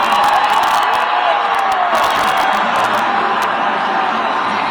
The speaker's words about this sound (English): But listen to these crowds. Ladies and gentlemen, Air Force One.